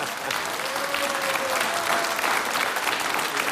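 A studio audience in Studio 1 of Czech Radio applauds on behalf of all the station's listeners, a dense, even wash of many hands clapping at constant loudness for several seconds, with a faint murmur of voices underneath.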